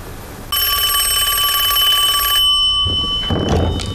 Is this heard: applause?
no